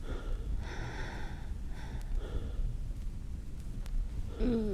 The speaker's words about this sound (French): Essouffler.